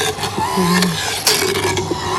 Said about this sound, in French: Là, la fraise est en route, on voit que c'est pas si bruyant que ça.